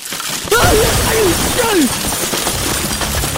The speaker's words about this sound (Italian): Madonna, Nibes! È crollata la casa di Faustina con la ruttoreggia tua!